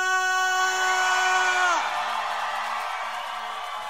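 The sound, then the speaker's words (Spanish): An audience shouts a loud, sustained war cry that rings out for nearly two seconds, then drops off and dissolves into a noisy wash of crowd cheering and shouting that gradually fades. “¿Cuántos pueden gritar con un grito de guerra?”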